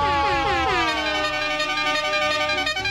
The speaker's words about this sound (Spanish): Vamos a por el Marte y dale a la bocina.